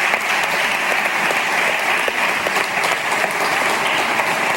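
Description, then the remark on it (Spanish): A big round of applause from many hands for the sports organisations at a presentation of a city's urban sports agenda. A steady, dense patter of clapping stays loud and even throughout, with no voices standing out. “primero de nada quiero agradecer la presencia de todos mis colaboradores, que son todas las entidades deportivas que hoy nos acompañan, y creo que merecen un gran aplauso porque ellos son parte de la iniciativa de esta agenda urbana.”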